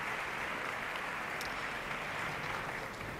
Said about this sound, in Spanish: De momento, quien sale al escenario es la concertino Julia Iglinova, para afinar a la orquesta. Esos aplausos que suenan son dirigidos a ella.